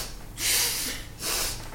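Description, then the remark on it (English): Two breathy sniffles through the nose, each a short hissy inhale with a brief pause between them, moderately loud with no talking. “I think Kit just nods, wipes face again. Sniffles.”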